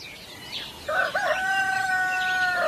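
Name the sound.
chicken clucking and crowing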